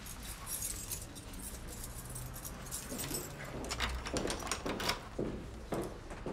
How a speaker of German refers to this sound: Der Zylinder sieht unversehrt aus. Können Sie bitte mal probieren, ob Ihr Schlüssel noch funktioniert?